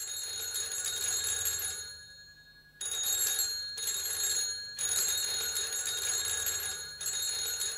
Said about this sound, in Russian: Это звонит телефон в московской квартире Чуренковых. Ночь. Спит после большого трудового дня осенняя Москва.